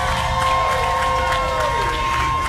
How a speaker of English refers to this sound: Oh, y'all give a big round of applause.